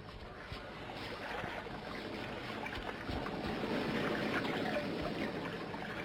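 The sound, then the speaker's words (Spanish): Steady rushing of a flowing river, a dense continuous wash of water noise with small splashes and gurgles throughout, fairly loud, no voices. “Con paso firme, se abren camino entre la maleza llegando hasta el río.”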